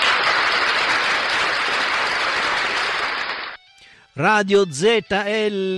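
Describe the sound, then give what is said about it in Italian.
A steady burst of crowd applause welcoming the new radio station Radio ZL lasts about three and a half seconds, then cuts off. After a brief pause, an animated voice speaks with sweeping rises and falls in pitch. “Facciamo un applauso alla nuova radio.”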